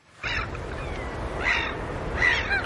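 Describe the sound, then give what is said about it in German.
Seagulls cry out three times in the wind, spaced about a second apart, over a steady rushing roar of waves breaking along a coast in Sweden in the middle of the night, heard on a live radio broadcast. The calls are fairly loud. “Irgendwo an der Küste rauschen die Wellen, Möwen schreien im Wind.”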